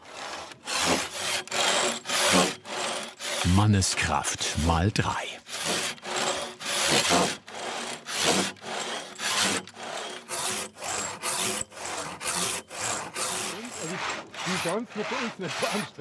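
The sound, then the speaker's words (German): A replica of a historical frame saw, with a thin tensioned blade, cuts steadily through a wooden beam resting on a trestle. Its rasping back-and-forth strokes are loud and keep a regular rhythm throughout, with a brief spoken remark near the start. “Das ist jetzt eine Rahmensäge.”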